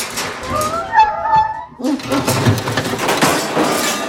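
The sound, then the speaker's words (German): A dog named Murks whimpers with a few high, wavering whines lasting over a second, then busy rustling and scratching as he tries to scratch his ear with a hind paw, bumping again and again against an iron grate in a small room. “Plötzlich winselte Murks und versuchte, sich mit seiner Hinterpfote am Ohr zu kratzen.”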